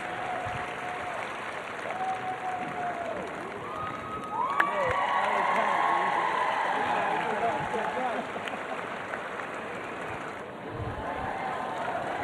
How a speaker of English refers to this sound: Ladies and gentlemen, please give a round of applause again for Will and Diabolo